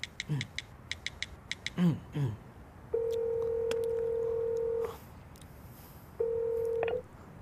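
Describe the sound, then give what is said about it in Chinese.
A quick run of phone keypad beeps as a number is dialed to call a customer, followed by two steady ringback tones, one long and one shorter, with no one talking. “哎，打电话给他，打 电话。”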